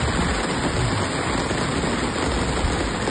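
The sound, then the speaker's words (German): Light rain, a few drops after weeks without rain, falls in Riedberg in a steady, even hiss, with a dense patter of small drops running unbroken for about three seconds and no voices. “Naja, sagen wir ein paar Tropfen, die sich auf den Weg gemacht haben.”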